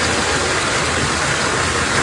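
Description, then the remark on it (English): A steady, loud roar of rushing water pours continuously, river-like, with no breaks or voices over the two seconds: floodwater rushing into a home in Toronto after more than 100 millimeters of rain fell. “It sounds like a river. It's actually water rushing into one Toronto home, a microcosm of a bigger issue.”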